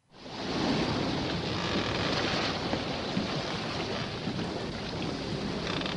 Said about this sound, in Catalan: A bord d'aquell vaixell érem moltíssims i el mar ens devia trobar tan i tan pesats que es va fartar de dur-nos a sobre i en un moment, fum, ens va tombar el vaixell amb una furiosa tempesta.